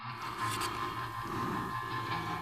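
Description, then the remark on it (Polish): Continuous street noise heard while a person walks along a street, with a steady mechanical rumble and faint metallic whine, like a train or tram rolling past, holding an even loudness throughout with no voices. “Przepraszam, idę ulicą i słabo słyszę.”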